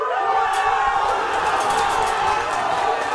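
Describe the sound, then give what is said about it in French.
A large stadium crowd in Casablanca roars in a sustained eruption of cheering at a goal in the 21st minute of a Morocco football match, loud and dense throughout, with shouts and whistles rising over the steady wall of voices. “Casablanca retient son souffle. Et puis, c'est l'explosion à la 21e minute.”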